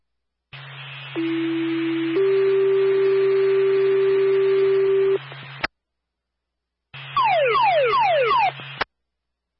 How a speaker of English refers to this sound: Hold on, fire, stand by for Tone 4 alarm sounding.